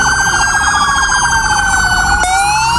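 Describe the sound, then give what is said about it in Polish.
Police car sirens wail steadily and loudly across the country in tribute to Sergeant Natan Sieroń, a police officer killed on duty; several overlapping tones glide slowly up and down, with a low road rumble underneath and no voices. “W całym kraju zabrzmiały dzisiaj syreny policyjnych radiowozów.”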